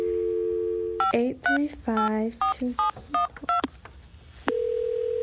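A steady dial tone hums, then about ten quick telephone keypad beeps follow in an uneven rhythm as someone dials a call, clear, before another steady tone sounds at the end.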